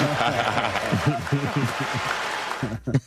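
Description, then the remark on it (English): Steady hand clapping on the Rich Eisen Show fills the background as a broad, hissy patter, partly masked by men talking over it throughout, with the clapping thinning out near the end. “And he's still clapping about it.”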